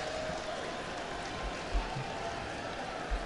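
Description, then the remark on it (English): Steady rain hisses evenly across a baseball ballpark during a game, starting to lighten a little, a constant wash of patter with a few soft low thumps and faint background murmur underneath. “has the rain dripping off the front of his helmet. Starting to lighten a little bit now.”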